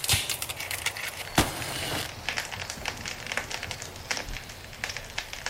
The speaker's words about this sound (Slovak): Ja ten oheň rozložím.